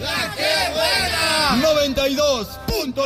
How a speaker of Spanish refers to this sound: nosotros nos despedimos con el grito de guerra y aquí suena.